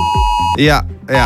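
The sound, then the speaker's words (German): A loud, harsh electronic emergency alert tone from mobile phones at 11 o'clock on Germany's national warning day, with a steady beep that swells into pulsing, rising and falling bursts. “Ja, heute ist in Deutschland Warntag. Das heißt, um 11 Uhr klingeln eure Handys und geben diesen Sound hier ab.”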